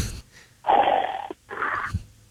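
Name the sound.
person imitating snoring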